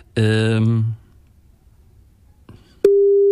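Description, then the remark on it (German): A phone line tone: after a brief buzzy harmonic sound and a soft click, a steady, clear electronic tone begins and holds loudly until the end, with no talking. A call is being placed from a mobile phone in the Neue Welle studio. “da rufen wir immer jemanden an und fragen ihn, wie es geht”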